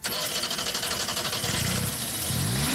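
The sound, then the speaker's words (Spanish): A loud car engine of a non-electric car roars steadily, heard live, then revs upward near the end as the accelerator is pressed hard, its pitch climbing over a dense, rumbling background. No one speaks. “Este magnífico coche, permítame que te diga que suena exactamente así.”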